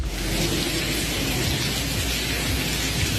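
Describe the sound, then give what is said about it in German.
Water gushes and splashes inside a university building of the TU in Berlin in a steady, dense roar, like a small waterfall pouring indoors, holding an even loudness throughout with no voices. “Klingt, als wäre es ein kleiner Wasserfall, ist aber im Unigebäude, sollte da natürlich beim Studieren überhaupt nicht der Fall sein.”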